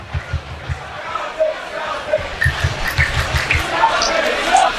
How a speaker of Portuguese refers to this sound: A torcida da Caldense vai incentivando o time aqui no estádio.